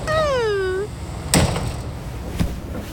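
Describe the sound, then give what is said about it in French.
A train's self-opening sliding door, opened and shut repeatedly in play, gives a short descending mechanical whine, then bumps shut with a firm thud, followed by a second softer knock over a low rumbling background. “Attention, Toudou, il ne faut pas jouer avec les portes, tu vas te pincer les doigts.”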